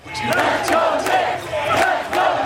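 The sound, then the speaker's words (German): Hundreds of people on a sidewalk in Manhattan, New York, roar and cheer continuously for the New York Knicks during the NBA Finals, watching a small TV set up outside a bodega. A dense wall of voices with sharp bursts of shouting rises every half second or so. “Mitten in Manhattan feuern hunderte Menschen die Basketballer der New York Knicks an.”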